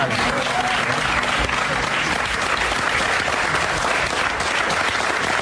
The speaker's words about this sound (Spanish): accedió al plató y todas las personas que estaban allí dentro, porque había hasta una especie de audiencia allí, ¿sabes?, de compañeros y compañeras, pues le aplaudieron